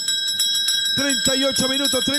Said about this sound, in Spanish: Sacristán, toca la campana, Sacristán.